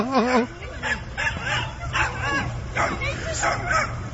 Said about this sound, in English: A couple little dogs just barking at it.